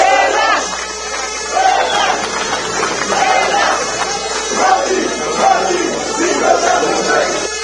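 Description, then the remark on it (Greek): A large crowd roars and shouts continuously at Eleftherios Venizelos airport in Athens, welcoming the water polo team returning with gold medals from the World Cup in Sydney, with overlapping voices, cheers and chanting swelling in waves throughout, loud and dense with no single voice standing out. “Πλήθος κόσμου περίμενε τους διεθνείς πολίτες, οι οποίοι επέστρεψαν με τα χρυσά μετάλλια στο στήθος.”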